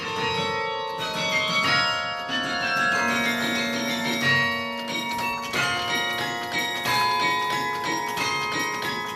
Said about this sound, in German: Und neben den 36 schwingenden Glocken gibt es seit 2012 auch 50 Carillon-Glocken. Mit ihnen können ganze Melodien gespielt werden. Jeweils einmal am Tag sind es in Herrenberg Kirchenlieder.